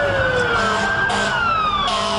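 A loud wailing alarm siren sounds continuously, its steady tones slowly gliding downward in pitch over a dense rumbling background, with no voices present.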